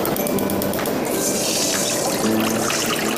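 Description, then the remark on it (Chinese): Water pours steadily into a pot to be boiled on a lit stove, the first step in cooking a dish of peas, shiitake mushrooms and bamboo shoots, a continuous splashing rush with rising gurgling tones as the vessel fills, loud and unbroken for the whole stretch with no voices. “好，具体做法如下：首先，开火烧水。”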